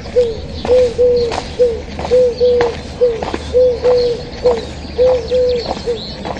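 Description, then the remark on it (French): Two turtle doves on a wire under a silvery sky coo steadily, a soft purring call repeated in a regular rhythm of paired notes, with faint outdoor background noise and no voices. “Deux tourterelles sur un fil, sur fond de ciel argenté.”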